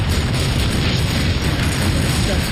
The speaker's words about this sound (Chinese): 卡秋这火箭炮非常厉害，持续强劲的炮火打乱了我们的阵型。